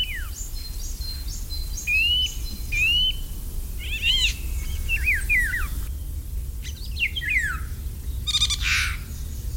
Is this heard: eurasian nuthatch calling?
yes